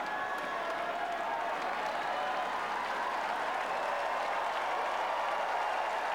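A large tennis crowd at a match between Alexandra Ayala and defending champion Świątek applauds and cheers in a steady, dense wash of clapping that holds at an even, loud level for about six seconds, with no voice speaking over it.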